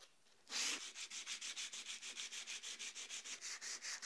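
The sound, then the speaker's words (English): Coarse 60 grit sandpaper rasps back and forth across wood by hand to strip it, in a steady, quick rhythm of rough scratchy strokes, fairly loud, with no voices. “So 60 grit is a really good choice to start stripping this wood.”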